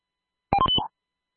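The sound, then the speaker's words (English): A short burst of electronic cell phone tones, a few quick beeps in rapid succession lasting under half a second, clear with silence around them. “maybe my cell phone. Cell phone.”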